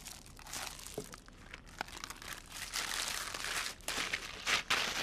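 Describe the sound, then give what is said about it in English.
Wet, squishy squelching as hands work marinade into raw chicken for chicken shawarma, a steady run of sticky smacks and slurps lasting several seconds with no talking. “Serious bit of squelching to do now.”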